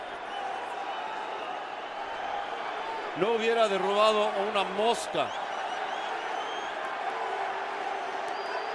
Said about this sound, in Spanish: Y la porra de New York City ahora gritando y gritando.